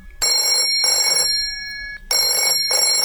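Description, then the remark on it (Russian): A telephone bell rings loudly in the morning, waking someone, in two long bursts, each a bright metallic trill made of quick double pulses, separated by a short pause. No one speaks. “Утром меня разбудил телефонный звонок.”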